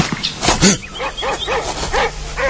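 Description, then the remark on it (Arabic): Two dogs belonging to a hunter bark repeatedly, a series of sharp yips and woofs in an uneven rhythm, with some whimpering tones mixed in and no talking. “شنو هذا؟ اتسطر هاو صياد عند زوز كلاب ملي نطلع”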